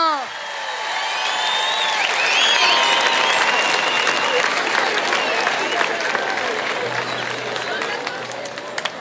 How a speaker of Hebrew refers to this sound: לא מחאתם מספיק כפיים, אז הוא לא בא.